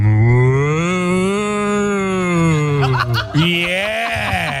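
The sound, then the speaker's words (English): A person dressed up as a cow, taking part in a mooing contest, gives a long, loud, drawn-out imitation of a cow's moo, sustained for several seconds with a wavering pitch, followed by a brief break and a second lowing call. “And you got to remember, they weren't just mooing, they were dressed up as cows as well.”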